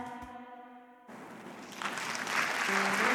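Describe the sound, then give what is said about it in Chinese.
A crowd bursts into applause after a sustained musical tone cuts off, the dense clapping swelling steadily louder over a couple of seconds. “谢谢，来哦 ，感谢大家的掌声哈。”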